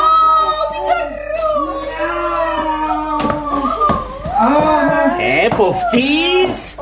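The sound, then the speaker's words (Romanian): A voice mimics a cat's meow in a drawn-out, wavering tone, with several high, gliding vocal cries and continuous loud vocal sounds throughout. “Haideți să intrăm. Hai, miau.”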